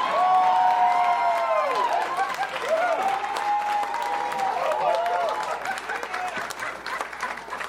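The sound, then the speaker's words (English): An audience at a Chicago comedy show applauds steadily as a comedian is introduced, a dense wash of clapping, while voices whoop and cheer over it in rising and falling shouts, gradually easing toward the end. “Give it up for my next door neighbor,”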